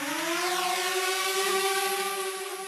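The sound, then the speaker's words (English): A drone buzzes steadily overhead, its whining motor tone holding a sustained pitch with stacked harmonics and a faint wavering rise, loud and continuous with no speech. “It's the irritating noise that we've all become more familiar with, the sound of a drone buzzing overhead.”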